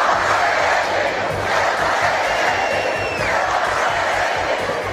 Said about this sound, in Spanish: Miles de madrileños salieron a la calle al grito de Ceuta no se vende, Ceuta se defiende.